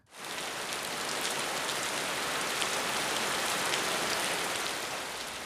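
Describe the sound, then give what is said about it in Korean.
Heavy rain pours down in a steady, dense hiss, loud and unbroken across the whole stretch, with a constant patter of drops and no voices. “지금도 이렇게 비가 쏟아지고 강물이 언제 넘칠지 모르는데”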